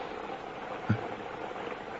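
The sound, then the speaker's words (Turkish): Steady heavy rain pours down on a mountain in a constant, dense hiss, with one brief low thump partway through. No voices are heard. “Rahmetle nasıl yağıyor?”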